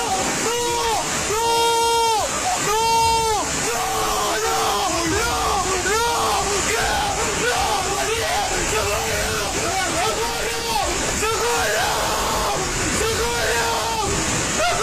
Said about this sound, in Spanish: Estos son los gritos de desesperación y angustia de alguien que en cuestión de segundos acaba de perderlo todo.